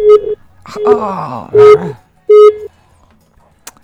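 A telephone line beeps four times in a steady, evenly spaced rhythm of flat mid-pitched tones, with a wavering, moaning voice-like sound rising and falling between the early beeps.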